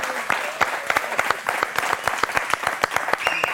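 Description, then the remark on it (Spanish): An audience claps steadily, with many sharp individual claps standing out over a dense wash of applause that continues without a break. “¡Fuerte aplauso”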